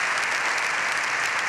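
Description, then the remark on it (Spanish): Sustained applause greeting the Pope in a parliament hemicycle, from more than 600 deputies, senators and guests: a dense steady wash of many hands clapping at even loudness with no voices standing out. “Los aplausos reciben al Papa en el hemiciclo.”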